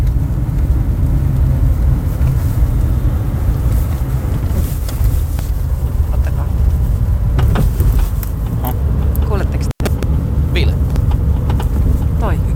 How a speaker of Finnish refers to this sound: Niin tää on nyt sitten tänään äänitetty mun autosta, niin toi kolina, mikä tuolta kuuluu, niin mitä tapahtuu, auttakaa. Se kuuluu aina hetkittäin, varsinkin tuolla lopussa. Kuunnakaa.